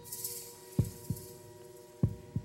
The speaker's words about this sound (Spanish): Son los latidos del murciélago.